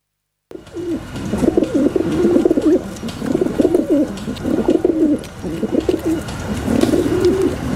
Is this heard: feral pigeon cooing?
yes